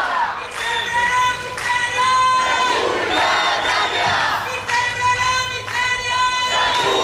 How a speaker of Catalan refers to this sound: I ara estan aquí cridant, acaben d'arribar i protestant i amb pancartes i banderes i paraigües, perquè a més s'ha posat a ploure.